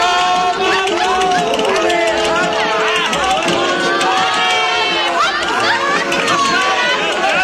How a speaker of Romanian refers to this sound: Circul. Arena geme de lume. Oameni din câteva orășele s-au adunat astă seară la reprezentație.